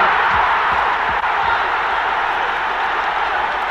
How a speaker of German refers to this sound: Riesengroß der Jubel der Engländer. Der Fehlpass von Luttrop wurde abgefangen von Beuys. Beuys setzte rechts außen Sealey ein. Und dann kam der glasharte Schuss hoch ins kurze Eck. Unerreichbar für Torsteher Radenkovic. 1:0 für West Ham United.